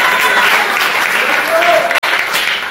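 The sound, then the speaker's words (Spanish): An audience at an evening church service applauds the Lord loudly and steadily, a dense wash of clapping that holds for the whole stretch with a brief dropout near the end. A few voices call out through it. “Un fuerte aplauso al Señor esta noche.”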